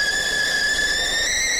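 A kettle boiling for a cup of tea whistles with a steady, piercing high tone that holds loud and unbroken throughout, with faint bright overtones above it and a soft hiss underneath. No one speaks.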